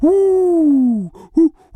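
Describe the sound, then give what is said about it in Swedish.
A person imitates an owl with a long, loud, slightly falling hoot, followed by a brief pause and a shorter second hoot, with no other talk. “Så där låter inte ugglor. Inte? Nej, så här låter ugglor.”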